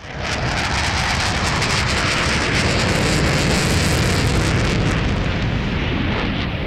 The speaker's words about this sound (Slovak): To bola letiaca včela. Áno, takto počujú bežné zvuky deti s autizmom, ktoré sú hypersenzitívne.